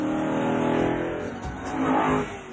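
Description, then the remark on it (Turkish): The V8 engine of a nearly 40-year-old Lamborghini being driven revs with a deep, throaty rumble, its harmonic drone rising and falling in pitch over a couple of seconds, loud and steady with no talking. “Şu V8'in sesi inanılmaz.”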